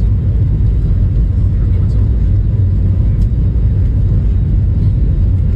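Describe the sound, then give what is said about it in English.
A loud, steady roar of jet engines with deep rumbling fills the whole stretch as a Frontier Airlines plane speeds down a runway, about to lift off for takeoff, unbroken from start to finish. “I mean, that plane is moving. Oh, yeah. They're just about to lift off.”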